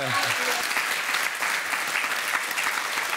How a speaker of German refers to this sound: Da gibt's Applaus.